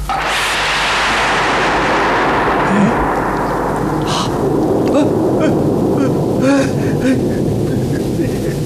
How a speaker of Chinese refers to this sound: 怎么回事？晴天打雷！